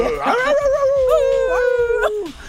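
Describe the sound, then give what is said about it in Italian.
A person lets out a long, wavering wolf-like howl, loud, sliding in pitch for about two seconds before cutting off, a voice imitating a wolf. “Yeah, man, it's the night of the wolf. Sì, la notte dei lupi.”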